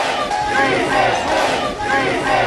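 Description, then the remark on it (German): Rescue workers, helpers and relatives in Cali cheer and shout in the middle of the night after a person is rescued from a multistorey building, many voices rising in loud, sustained jubilation with overlapping calls of 'we can do it', energetic throughout. “Mitten in der Nacht feiern Rettungskräfte, Helfer und Angehörige in Cali. Sie heben die Arme, jubeln und rufen: Ja, wir schaffen das.”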